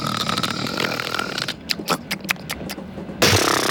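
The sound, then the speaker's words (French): A voice imitates the loud, rasping snoring of a man asleep on a train: a rough, buzzing drone followed by a run of short snorting bursts, then another harsh rattling snore at the end. “ou un monsieur qui s'appellerait Thierry et il s'endormirait dans le train parce que les messieurs, souvent, ils s'endorment dans le train et ils ronflent comme pas possible.”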